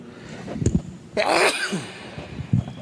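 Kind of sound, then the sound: human body sound, sneeze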